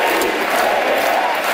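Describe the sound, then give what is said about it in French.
A crowd of about 2,000 Parti Québécois supporters roars and cheers continuously at a Friday evening rally for the party leader at the Centre Vidéotron arena in Quebec City, a dense, loud wash of many voices with no pauses. “Vendredi soir, devant une foule de 2000 militants au centre Vidéotron à Québec, le chef péquiste n'a pas prononcé une seule fois le mot référendum durant son discours.”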